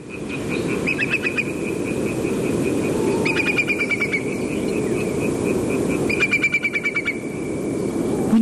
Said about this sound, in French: Oui, alors en fait c'est un courlis corlieux, mais c'est un cousin germain, mais c'est pas grave. C'est un oiseau qui est en train de passer au-dessus de chez moi en pleine nuit. En Bretagne. En Bretagne.